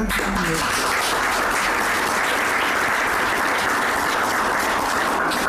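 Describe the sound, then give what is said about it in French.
Sustained applause from an audience, a dense, steady wash of many hands clapping at an even loudness throughout, with no speech over it, applauding a volunteer's enormous work. “Et je crois, nous tous, on aurait bien besoin de l'applaudir”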